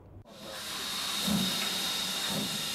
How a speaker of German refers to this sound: Ausfahrt der Lok 4277 im Bahnhof Grammont. Beginn der knapp 30 Kilometer langen Museumsbahn North Yorkshire Moors Railway in Nordengland.